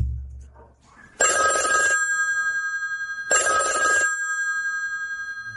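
A telephone bell rings in two long bursts with a pause between, a bright metallic trill, loud, with no talking; the telephone is at the end of a hallway.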